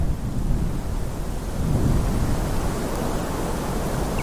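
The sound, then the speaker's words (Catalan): A steady, broad roar of wind with heavy low rumbling fills the whole stretch, loud and continuous, during a snowstorm bringing the first snowfall of winter to the village of Guadalaviar on 11 December 2017, with no voices. “Avui és 11 de desembre de 2017 i està caient sobre Guadalaviar, el poble que també rep el nom del riu, la primera nevada de l'hivern.”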